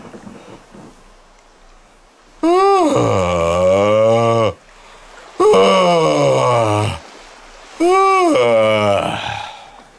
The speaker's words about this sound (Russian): Вот. Это как бы корабль уже сошел со стапелей, угу, и он успокоился. И пошло. Это зевок, который отправляет как бы в добрый путь.